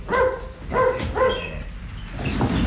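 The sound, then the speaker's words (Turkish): A dog gives three quick, high-pitched yelping barks with a whimpering tone, then trails off into quieter background noise. “köpeği alıp gidecek de sen ona engel olamayacaksın ha.”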